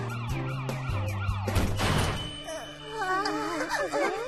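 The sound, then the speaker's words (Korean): A police car siren wails as the car arrives, cycling through rising and falling tones, broken midway by a brief crashing burst, then continues as a fast, warbling wail at steady loudness. “신고도 안 했는데 벌써 경찰차가 온다고?”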